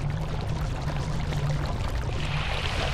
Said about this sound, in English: And the safest place to lay their eggs is somewhere that ocean predators can't reach. The top of this waterfall.